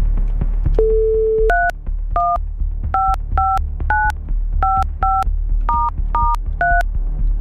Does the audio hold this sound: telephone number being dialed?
yes